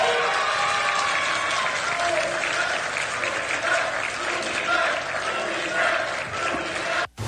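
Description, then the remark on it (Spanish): A large crowd in Michoacán, rallying with a cry of unity around Carlos Torres, claps and cheers steadily, with shouted voices rising over dense, sustained applause before it cuts off abruptly near the end. “Al grito de unidad se cerraban filas en torno a la figura de Carlos Torres, eso en Michoacán”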